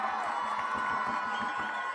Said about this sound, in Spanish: Para dar inicio en esta tarde, me permito presentar nuevamente al licenciado David Monreal Ávila, gobernador del estado de Zacatecas. ¡Fuerte el aplauso!